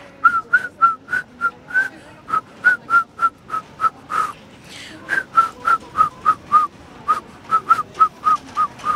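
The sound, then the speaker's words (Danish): A 14-year-old girl whistles the Carl Nielsen melody 'Jeg ved en lærkerede' on the radio, a lilting folk tune in clear short notes in a steady rhythm with brief breaths between phrases, with no talking. “kan du fløjte Carl Nielsen-melodier”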